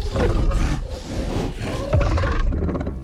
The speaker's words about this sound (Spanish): Ignorando el rugido del Yautia, el Calisk lo olfatea con curiosidad.